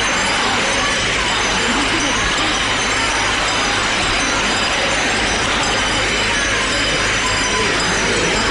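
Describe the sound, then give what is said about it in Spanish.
A large crowd of the people of Lepe at the railings shouts and cheers "viva" over and over to the image of the Virgen de la Bella during a procession, a loud, dense roar of many voices that carries on without a break for the whole stretch. “Qué imagen más bonita, la están poniendo de frente, la están acercando al pueblo, a la parte de las rejas, y hay gente agarrada, gritándole viva. Vamos a escuchar esos vivas.”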